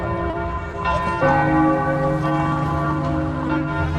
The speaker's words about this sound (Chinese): 那一个城市有钟声也是好的哈。 很多古老的城市，才会有这种露天的钟声。